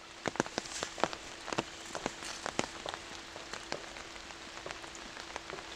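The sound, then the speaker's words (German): Rain falling in a forest: a soft, steady hiss with drops pattering and tapping irregularly on leaves and ground, quite quiet overall and with no voices. “Er schätzt die Stille an einem Regentag im Wald.”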